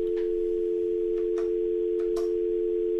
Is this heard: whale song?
no